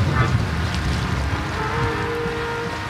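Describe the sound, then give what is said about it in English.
Steady outdoor waterfront ambience on the beach of Middle Harbor Shoreline Park in Oakland, with a low rumble of wind and water, an engine-like drone, and a faint tonal hum drifting in partway through; no voices. “Standing on the beach of Middle Harbor Shoreline Park in Oakland, both meanings feel true.”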